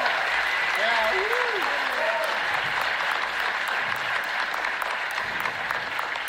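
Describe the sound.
Sustained applause from an audience, a dense steady wash of clapping throughout, with a few faint voices rising and falling underneath.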